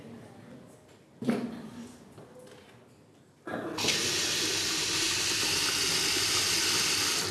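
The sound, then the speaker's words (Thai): A toilet bidet spray hose, used for washing after using the toilet, bursts on with a steady, hissing rush of water that holds for several seconds, after a brief splash and a few quieter sounds. “เสร็จแล้วนะครับเราก็จะนำหัวฉีดนะครับมาฉีดครับ”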